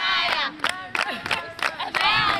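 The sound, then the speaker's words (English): A crowd of senior schoolgirls in bright green uniforms sings and cheers together in a school courtyard in Gusau, northwest Nigeria, in light rain ahead of the end of school. High voices rise in loud, rhythmic bursts with excited shouts, sustained throughout. “So we've just arrived at the school and the senior girls are out in the courtyard. They're all wearing bright green uniforms and it's raining a little bit, but they're just carrying on regardless.”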